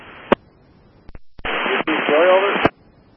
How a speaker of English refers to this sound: He's coming up static, yo.